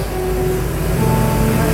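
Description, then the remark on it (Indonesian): Strong wind roars in a steady, loud rush heavy in low rumble, with faint humming tones running through it and no voices for the whole stretch, heard from a bedroom at midday. “Anginnya lumayan kenceng, sampai bunyinya bergemuruh.”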